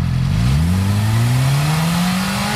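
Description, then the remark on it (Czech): A motorcycle engine revs steadily upward in pitch, loud, holding a sustained rising drone with no talking, during a traffic police noise check where a mobile sound level meter connected to the motorcycle measures its noise at set engine speeds, reading 98 decibels. “Teďka dáváme druhé měření, kolega to vytočí mezi těma stejnýma otáčkama a musí být všechny tři.”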